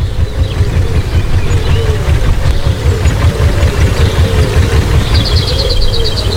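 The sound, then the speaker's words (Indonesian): A klotok river boat's engine runs steadily during a ride in Banjarmasin, a loud low chugging rumble that fills the whole clip, with a brief high chirping trill near the end. “Enak kali naik kelotok gini, bah.”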